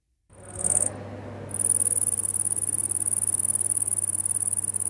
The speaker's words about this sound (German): Erkennen Sie das Insekt? Richtig, eine Grille. Wahrscheinlich ein Tier, das die meisten auf dem Schirm haben.